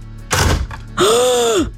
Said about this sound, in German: Klang gut. Krokodok hat zugeschnappt.